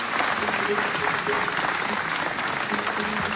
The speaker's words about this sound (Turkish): koromuzu ve şefimiz Mehmet Erenleri bir kez daha alkışlıyoruz